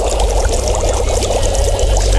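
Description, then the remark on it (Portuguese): Boiling water pours steadily into a cup or pot to make coffee during a Rádio Tucupi broadcast, a continuous gurgling splash with no one speaking. “Olha o cafezinho. Olha, o Jess já colocou. A água tá fervendo.”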